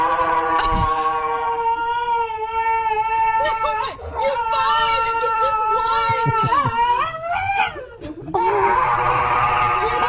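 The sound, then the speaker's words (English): A dog getting its nails clipped wails dramatically and almost without pause, its loud, high-pitched cries sliding up and down in long drawn-out howls, broken only by two brief catches for breath. “Here's a dog getting its nails clipped.”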